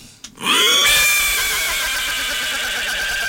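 A loud horse whinny rises sharply and then holds as a long, shaky, wavering neigh that slowly trails off, heard close and on its own with no talking.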